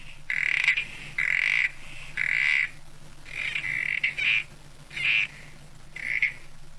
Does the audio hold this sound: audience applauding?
no